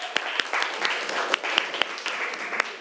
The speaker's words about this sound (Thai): กลุ่มหนึ่งเลยนะคะสำหรับกลุ่มหนึ่งขอเสียงปรบมือให้เพื่อนของเราหน่อยนะคะ